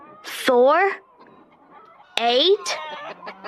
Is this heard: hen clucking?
yes